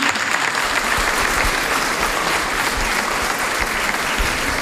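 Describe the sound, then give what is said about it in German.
Sustained applause from an audience for a choir, a dense steady clatter of many hands clapping at an even loudness throughout, with no voices standing out. “Ja, der Chor hat seinen Applaus auch wirklich verdient.”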